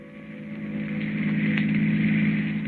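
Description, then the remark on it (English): A long black car's engine hums steadily with a low, droning tone, growing slightly louder as it speeds along a highway at night at a constant pace, continuous with no voices. “The long black car with the handsome man at the wheel and the woman beside him returns to the highway and speeds on through the night.”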